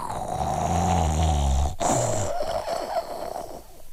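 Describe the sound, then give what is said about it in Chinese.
A storyteller imitates loud, rumbling snoring: a long drawn-out inhaled snore, a short break, then a second gravelly snore that fades off, prominent with no other sounds. In the story, the snoring is the silly lad (傻小子) lying still after being beaten. “那个说，别哭别哭，哎，你听什么声音？再听傻小子在那块打呼噜呢。”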